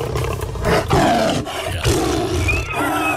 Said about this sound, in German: Der Löwe. Ich glaube, da rennt die Jäger weg.